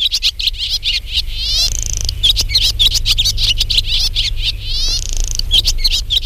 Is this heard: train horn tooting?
no